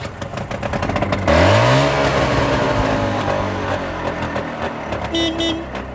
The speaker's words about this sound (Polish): Piękne to trąbienie, choć jak się idzie poboczem, to raczej słyszeć się klaksonu nie chce